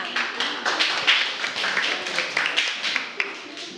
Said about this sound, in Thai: ขอเสียงปรบมือด้วยค่ะ